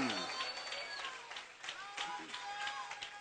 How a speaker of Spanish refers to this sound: Vamos, aplauda al Rey de Gloria.